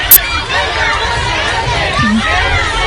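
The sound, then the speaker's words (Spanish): A crowd shouts and jeers at Spanish politician Pedro Sánchez while he eats octopus in the Rías Baixas, with shouts of "guapo" and "sinvergüenza". Many overlapping voices form a dense, steady roar for about three seconds, with a brief sharp spike near the start. “A ver, Pedro, entre gritos de guapo y sinvergüenza”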